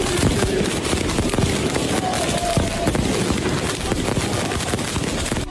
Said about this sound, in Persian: یک آتش بازی را انداختن و ترقه بازی را انداختن که بارسلونایی ها نتونن بخوابن. were most likely they were sleeping and they did this.